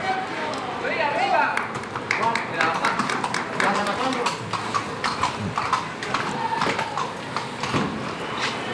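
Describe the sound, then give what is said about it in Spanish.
The hooves of a Hanoverian horse clip-clop in an irregular, steady series of sharp knocks across the hard surface of a bullring as a rider mounts it, with voices and crowd murmur running underneath. “Se monta en el hanoveriano.”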